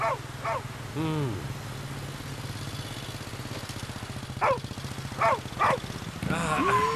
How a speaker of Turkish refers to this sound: Bu köpek sesi de nereden geliyor?